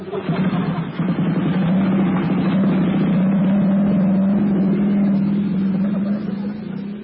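A motorbike engine runs loud for several seconds as riders jump on and drive off, its throaty drone holding steady with slight revs before easing off a little at the end.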